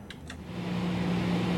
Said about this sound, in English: Until then, I'm going to play the smooth hum of some data center white noise.